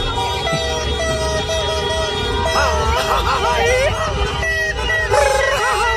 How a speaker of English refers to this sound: Drums, fireworks, car horns. Actually, you're not that far off. This little noise is El Sondito. Little noise.